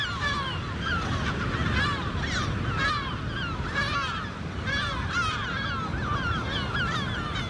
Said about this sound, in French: on va aller capturer des goélands argentés, des goélands bruns et peut-être du goéland marin, dans le but de leur poser des bagues et des GPS.